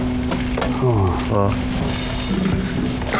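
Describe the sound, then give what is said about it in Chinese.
A jianbing pancake sizzles on a hot griddle as an egg is cracked onto it and spread, a steady crackling hiss that runs the whole time, with a brief voice sounding over it midway. “哦，一气呵成，慢慢来，然后先打鸡蛋，匀开。摊饼的时候啊，你就想着给你们家小孩试衣服，那煎饼出来它那味儿就不一样，用心。”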